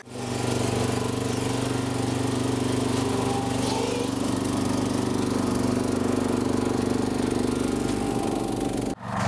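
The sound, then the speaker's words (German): A motorized snow clearing machine does professional snow clearing around a scientific laser dome, its small engine droning loud and even with a buzzing, rattling hum for about nine seconds before a brief cut near the end. “So geht professionelles Schneerollen.”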